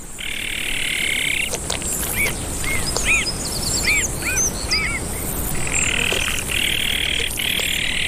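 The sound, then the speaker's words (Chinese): A father azure-winged magpie, back at the nest to help care for the chicks, calls: a quick run of short, arching chirps, about half a dozen, rising over a constant buzzing chorus of frogs or insects that swells at the start and end. “南伟灰喜鹊爸爸也回来了，他开始和妈妈一起照料雏鸟。”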